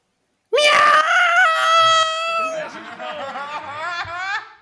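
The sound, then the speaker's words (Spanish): A cat with its paw caught yowls in pain: one long, loud, piercing wail with a shrill, harmonic tone, steady at first, then wavering and warbling before it fades, with no other sounds. “Un gato al que pillaron una pata.”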